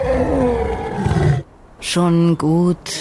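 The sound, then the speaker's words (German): A deep, rumbling lion roar, loud, then a short pause and two higher, drawn-out wavering cries in quick succession. “Schon gut, sagte der Löwe, denn er mochte den stolzen Gang des Pferdes.”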